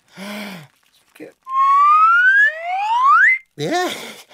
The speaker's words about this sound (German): Ja, die Ameisen eilen zu mir, wenn ich in die Pfeife blase. Hör nicht auf, Dicker, puste weiter.